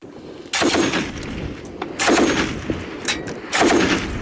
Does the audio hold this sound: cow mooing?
no